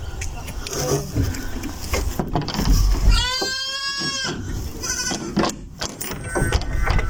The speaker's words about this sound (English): So the goats are the ones we can hear, but in the background, surely that's a cow. That is a cow. That's right. A cow in the background. And then pygmy goats.